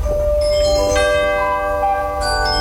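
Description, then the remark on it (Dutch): A short melodic radio chime marking seven o'clock, several clear bell-like notes struck in sequence with long sustaining overtones, played alone at steady volume. “Het was voor ons was het eigenlijk het klokje van 7 uur en dus naar bed.”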